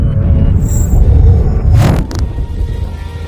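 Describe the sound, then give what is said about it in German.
Deep, continuous rumbling of thunder following a long lightning bolt across the sky, with a brief sharper crack about halfway through before the low roar carries on steadily. No one speaks. “Ein langer Blitz durchteilt den Himmel.”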